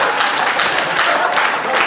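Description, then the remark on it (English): Audience applause fills the whole stretch, a dense, steady wash of many hands clapping at an even, fairly loud level with no voices standing out. “That is a confusing applause point, I gotta be honest with you.”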